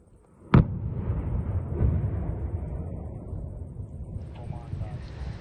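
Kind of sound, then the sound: impact, controlled explosion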